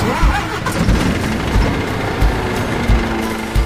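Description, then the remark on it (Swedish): A large diesel engine cranks and rumbles with a heavy, steady low drone, punctuated by periodic deeper thumps, loud, with no voices. “Och mineralerna som min laptop och skärmen framför mig och all min utrustning består av, de har körts upp ur gruvan med gruvlastbilar på 300 ton och fraktats med långtradare och lokomotiv, alla med stora mullrande dieselmotorer under plåten.”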